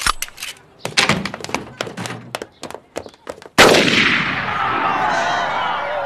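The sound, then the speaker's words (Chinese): A rapid, irregular burst of sharp gunshots cracks out, then one louder blast gives way to a sustained roaring rumble that carries on to the end. “那枪声啊，也算是给您六十大寿添点喜气儿，咱们就当是放鞭炮了”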